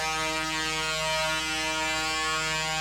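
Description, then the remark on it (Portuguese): A horn on one of the Stang company's trucks passing by at a blessing celebration blares in one long, unbroken honk, loud and buzzy with a steady pitch, holding for almost three seconds with no voices over it. “Olha a buzina aí do pessoal da Stang, vai passando por aí.”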